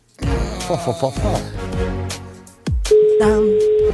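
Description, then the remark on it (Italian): As the hosts phone a listener, voices and busy sound give way to a telephone ringing tone: one steady, mid-pitched beep held without a break to the end, with faint talk underneath. “Anche con un pronto secco, entro quinto squillo, però.”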